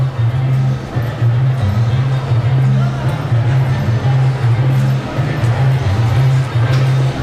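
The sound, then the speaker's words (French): Dense, steady crowd hubbub fills a busy outdoor street festival in the centre of Brussels on car-free day, with fairs and festivities everywhere; many voices blur together with a constant low droning hum underneath, loud throughout. “Voilà, donc je suis vraiment dans le centre de Bruxelles, moi, donc c'est sûr que le jour de la journée sans voiture, où il y a un peu des fêtes, des kermesses partout, c'est assez bruyant”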